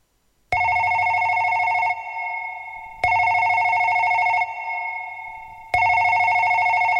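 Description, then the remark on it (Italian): A telephone rings three times in a steady, repeating pattern, each loud electronic trill lasting over a second before a short pause. No voices, just the clear ringing. “Ai ole ausi la o tau whaafafonga, ili si uleo le Samoa na ngalo, malana waya telefoni feto soa I stete e ono o Australia, usimaya la whaafonga Samoa.”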